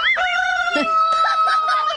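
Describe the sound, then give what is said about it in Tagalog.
Chickens cluck in short, chirpy bursts while a rooster lets out a long, steady crow over them, all fairly loud, with no talking. “Paliwag ko, pahilo mo na inyong mga manok, di ba?”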